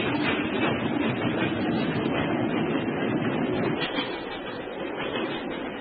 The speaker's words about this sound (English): Stop the train, I say! Let me go, you fool!